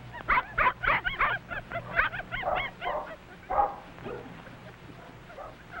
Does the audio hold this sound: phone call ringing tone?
no